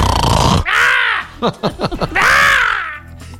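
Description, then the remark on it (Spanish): A person loudly imitates snoring: two long, raspy, throaty drones with a burst of short sputtering snorts in between, exaggerated. “Sí, ay, con mis ronquidos.”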